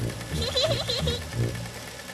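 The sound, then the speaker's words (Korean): A sewing machine belonging to Palpal's mom runs with a rapid, rhythmic mechanical clatter and whir, pulsing in quick bursts for a couple of seconds at moderate loudness. “다행히 팔팔 엄마한테 재봉틀이 있었네요.”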